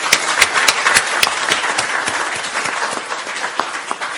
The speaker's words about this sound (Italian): Non tutti i politici ne parlano apertamente, quindi anche alla luce del libro che stiamo presentando merita veramente un applauso importante, ecco.